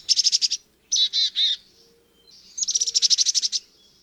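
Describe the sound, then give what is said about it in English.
Chickadee calls in Monona's trees in September, bright and high-pitched: a rapid burst of short chips, then three buzzier drawn-out notes, then another quick run of chips, with no voices present. “Want to spot a migrating warbler this September? Follow the sound of a chickadee.”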